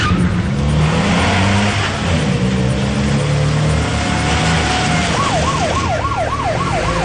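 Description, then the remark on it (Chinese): A police car engine roars and revs steadily, then a wailing siren rises and falls in quick repeating sweeps over the engine noise as the car makes a U-turn and speeds toward the coast guard detachment pier, followed by a line of police cars. “轿车拉响警报，原地掉头，警车队伍跟随唐小军的车向海警支队码头疾驰而去。”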